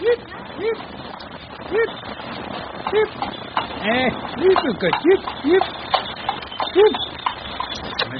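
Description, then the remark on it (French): Horse hooves clip-clop in a steady rhythm as a two-wheeled milk cart is pulled along, with voiced sounds rising and falling over the hoofbeats. “Eh ben, vous commencez pas, les chevaux, ça me connaît.”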